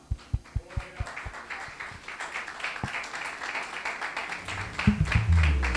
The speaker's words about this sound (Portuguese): Quem crê nessa palavra, dá uma salva de palmas para o nosso Senhor Jesus.